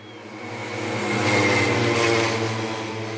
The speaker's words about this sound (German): So klingen Radrennen in Forst. Vorneweg knattern die Motoren der Schrittmachermaschinen. Im Windschatten dahinter die Radfahrer.